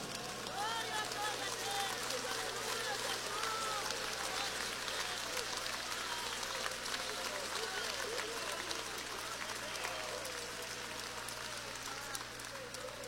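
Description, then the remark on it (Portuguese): An audience applauds with sustained, dense clapping that holds steady and loud for the whole stretch, while many voices cheer and call out over it. A low hum runs underneath. “Só os que estão preparados vai levantar as mãos, vai dar um glória e vai dar uma salva de palmas bem bonita para ele.”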